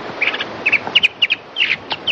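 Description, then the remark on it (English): A recorded mockingbird, played back to groups of marine iguanas in a study, gives a run of short, sharp high-pitched chirps in quick, uneven bursts, some clustered in pairs, over a faint steady hiss with no voices. “They recorded mockingbird alarm calls and mockingbird song, which sounds completely different.”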